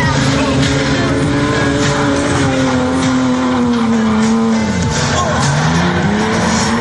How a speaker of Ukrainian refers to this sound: на вулицях загального користування тримати автомобіль в заносі, тому для цього є спеціально відведене місце